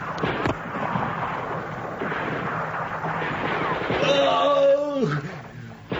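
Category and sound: sound effect, gunfire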